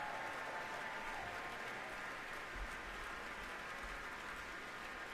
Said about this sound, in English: And the applause is not letting up here at Powell Hall. Pines of Rome, definitely one of the war horses of the repertoire, incredibly popular among audiences for as long as it's been around, and tonight's performance at Powell Hall is no different.